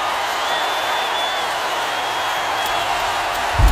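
Dense, steady crowd applause for a mariachi band, a continuous wash of clapping with a few cheers, holding at even volume for several seconds without speech.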